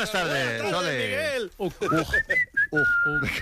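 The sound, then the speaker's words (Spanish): A person whistles a few short, bright notes, sliding and held, following a wavering, drawn-out vocal sound at the start. “Y …, como silbes, te echo automáticamente.”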